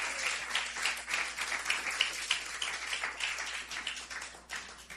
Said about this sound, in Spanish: Denle un aplauso fuerte al Cristo de la gloria, hermano.